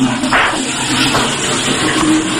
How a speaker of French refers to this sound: Je m'enferme. Je tire la chasse.